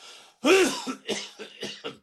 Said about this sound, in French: Allez, allez, la cigarette. Ah, quand on entend comme il tousse, ça fait peur. Mais pas moyen de lui faire admettre.